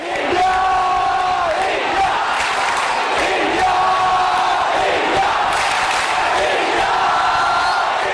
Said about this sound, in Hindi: अगले 10 दिन सात समुंदर पार स्कॉटलैंड के ग्लासगो की फिजाओं में भी इंडिया इंडिया के ये नारे गूंजते सुनाई देंगे, क्योंकि आगाज हो चुका है 22वें कॉमनवेल्थ गेम्स का.